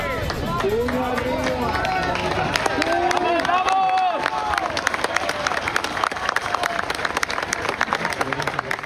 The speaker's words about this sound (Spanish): Entre aplausos, gritos y lágrimas, así celebraron el momento en que esta mujer